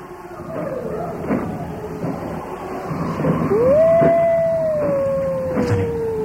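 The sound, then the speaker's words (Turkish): A long, drawn-out howl rises and then slowly slides downward, wolves calling from very close by over a steady low background rumble, with a few faint broken cries around it. “Duydun mu? Kurtlar yine başladı.”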